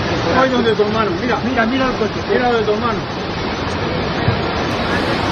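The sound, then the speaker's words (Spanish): A torrential downpour from a heavy storm on a Saturday afternoon in El Bierzo roars steadily and loudly, a dense wash of pouring water, with people's voices calling out beneath it during the first few seconds. “Es el sonido de la tromba de agua provocada por una fuerte tormenta en la tarde del sábado que ha causado la muerte de 2 mujeres.”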